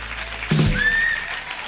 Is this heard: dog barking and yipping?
no